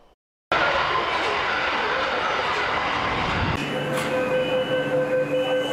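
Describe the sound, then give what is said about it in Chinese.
A new Beijing Subway Line 1 train rolls slowly into the platform at Dawanglu station, a loud broad rumble of wheels on track giving way to a steady, high electric motor whine as it slows, continuous. “近日，在北京地铁一号线大望路站，一列崭新列车缓缓驶入站台。”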